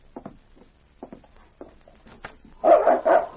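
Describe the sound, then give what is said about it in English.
A dog barks several times outside a door, faint and muffled, then a second dog answers with a round of loud barks in quick succession. “A dog barked outside the door, and King replied.”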